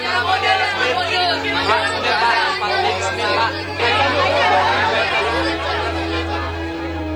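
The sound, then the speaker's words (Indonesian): A crowd of a teacher's admirers clamoring, a dense, continuous babble of many overlapping voices that stays loud and busy throughout, with a steady low hum running underneath. “Bisakah engkau menenangkan pengagummu agar kita bisa berbicara tanpa berteriak?”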